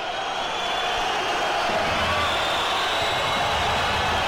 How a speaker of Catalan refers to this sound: Esbroncada pels àrbitres. Esbroncada per Calatrava, que és el principal, Martín Caballero i Alfonso Olivares. Aquests són els tres àrbitres del partit d'avui.